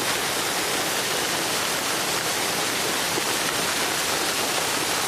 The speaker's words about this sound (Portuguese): Isso é uma cachoeira.